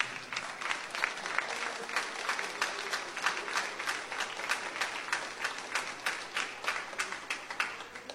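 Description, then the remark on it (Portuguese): Sustained applause for Jesus from a church audience, many hands clapping in a steady, dense patter at even loudness for the whole stretch, with no voices rising above it. “Palmas para Jesus.”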